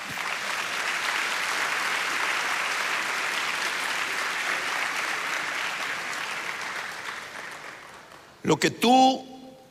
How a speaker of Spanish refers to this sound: Denle palmas al Señor.